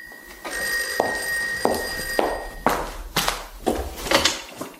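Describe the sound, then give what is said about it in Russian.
A telephone bell rings with a bright, sustained electronic tone for about two seconds, followed by a series of sharp clattering knocks and bangs, like handling objects or a door. “Телефон звонит. Ты собираешься ответить на звонок?”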